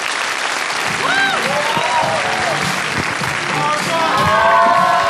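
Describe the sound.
Steady, loud applause from an audience welcoming the next speaker fills all five seconds, a dense wash of clapping with a few voices calling out and cheering above it.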